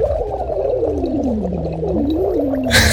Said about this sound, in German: Wenn es euch nach dem Feiern oder Jubeln auch mal so geht, hier mein absoluter Tipp, weil ich das als Sprecher und Sänger auch immer mache: Silikonschlauch schnappen, denen eine Flasche geben, da etwas Wasser reintun und dann wird losgeblubbert.